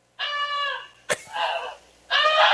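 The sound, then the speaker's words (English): A goose gives three loud, nasal honks, the middle one rougher and noisier, with a brief sharp click between the first two calls. No one speaks. “That's actually the actual goose itself.”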